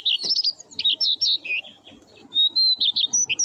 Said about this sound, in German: Schön, gell? Der Gesang des Braunkehlchens.